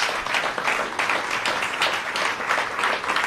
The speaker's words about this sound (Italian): Irene Fiorito al violino, Cédric Pescià al pianoforte. Un applauso anche da parte nostra. E sono sicura che stanno applaudendo anche gli ascoltatori in antenna.